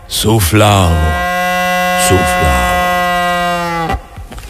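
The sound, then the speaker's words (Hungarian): A voice imitates a goat's bleat, a couple of quick syllables sliding into one long, steady, nasal note held for nearly three seconds, loud, ending abruptly. “Ne gyere be, beste lelkem, mekeget fel rengeteg kecske felkeltve ezzel pásztorát, hogy felserkenve emezeket elkergesse.”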